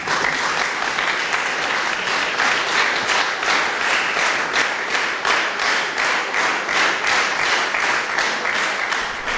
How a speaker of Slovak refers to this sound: Po prečítaní laudácie nasledovali minúty dlhotrvajúceho potlesku, ktorý vyjadroval úctu všetkých prítomných k zväzu i k našemu básnikovi